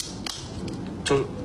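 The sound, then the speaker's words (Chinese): Dry, brittle ten-year-aged tangerine peel (chenpi), already very thin, crumbles as it is moved, with a few sharp, papery crackles in short bursts, set against a low, steady background hum. “就是一动它就碎了，已经很薄了。”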